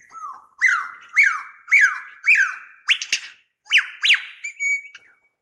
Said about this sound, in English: You'll see them do that running across the road sometimes in front of you, making also sometimes shriek alarm calls. Listen to this.